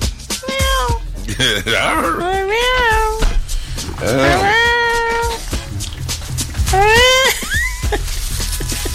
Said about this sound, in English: Remember that commercial? I'm like, who brought the cats?